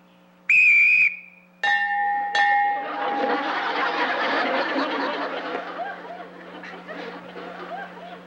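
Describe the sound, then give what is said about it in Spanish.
A sharp, shrill whistle blast rings out as a start signal for two people to attack each other, followed by two more short piercing whistle notes, then a burst of scuffling noise and overlapping shouts and laughter. “Cuando yo silbe, ustedes se atacan uno al otro.”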